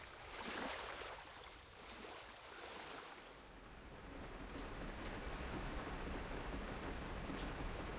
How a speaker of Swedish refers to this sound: När jag vaknar nästa morgon smattrar regnet mot fönstret.